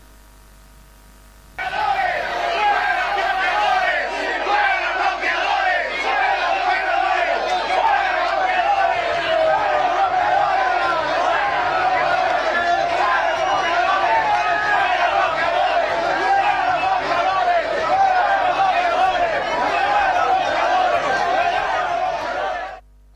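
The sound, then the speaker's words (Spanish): A large angry crowd shouts and yells continuously while chasing blockaders, a dense roar of many agitated voices that starts abruptly and stays loud and steady for about twenty seconds. “Así lo están corriendo, señores, los bloqueadores allá.”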